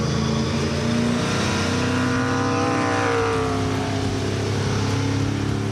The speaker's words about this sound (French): suis au volant de cette Camaro de 1967. Et les premières sensations, c'est quel pied ce moteur, quoi. Bon V8, hein. Un V8 qui prend 7500 tours. Oh la vache. Oh le son. C'est juste exceptionnel. J'adore.